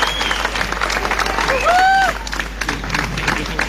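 An audience claps steadily and loudly for the Festival de Jazz Lalé and the Casa da Cultura de Lalé, a dense crackling patter of many hands, with a single piercing whistle swooping up and down midway through.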